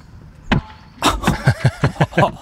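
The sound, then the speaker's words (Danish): A Trionda football is dropped and thuds once, then bounces repeatedly: a loud first impact followed by about six more hollow thumps in a quick, fairly steady rhythm. No one speaks. “Nu vil jeg lige prøve at vælge den ned, for at høre, hvordan det lyder, når sådan en bold den.”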